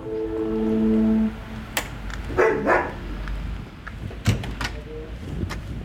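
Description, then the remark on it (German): A steady buzzing tone sounds first, then dogs bark in a few short, sharp bursts, mixed with knocks and clatter like a door being opened, as a visitor arrives. “Ja, ich wollte die Hunde nicht verschrecken.”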